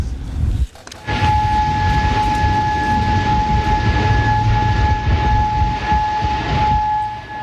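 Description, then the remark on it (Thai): An air raid siren wails steadily across Kuwait City, Kuwait, as air defense systems start working to intercept incoming weapons; its sustained tones hold over a dense, rumbling backdrop of urban noise for several seconds after a brief quiet start. “นี่เป็นบรรยากาศในกรุงคูเวตซิตี้ของคูเวตวันนี้นะคะมีเสียงไซเรนดังขึ้นแบบนี้พร้อมกับระบบป้องกันภัยทางอากาศที่เริ่มทำงานเพื่อสกัดกั้นอาวุธที่เข้ามาในน่านฟ้าค่ะ”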